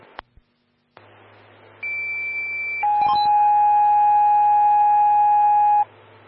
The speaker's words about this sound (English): rescue 142, standby for tones on a motor vehicle collision.